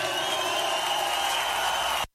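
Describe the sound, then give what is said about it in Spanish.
An audience applauds loudly for Christ, a dense, steady wash of clapping that holds for about two seconds before cutting off abruptly. “Aplaude fuerte a Cristo.”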